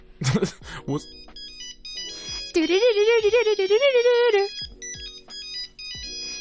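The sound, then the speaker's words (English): A ringtone from one of the earliest Nokia phones, a simple, beepy electronic melody by Bach played in stepped pure tones. Brief talking comes at the start, and a voice hums or sings loudly along in the middle. “This was a Nokia ringtone from like the very first phone that ever existed.”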